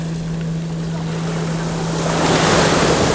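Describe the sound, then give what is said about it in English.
Incoming tide waves wash in over sand and rounded pebbles, a steady hiss that swells louder in the last second as the water surges in. A constant low hum sits underneath, with no voices. “Listening as the tide comes in, each time reaching out, pulling sand from beneath our feet to reveal rounded pebbles.”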